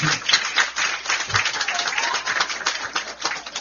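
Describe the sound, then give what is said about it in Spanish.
At a school-year opening event in La Vega province, an audience applauds Pepe de la Rosa steadily, a dense crackle of many hands clapping at once with no pause for the whole stretch, fairly loud and even throughout. “Un aplauso a Pepe de la Rosa.”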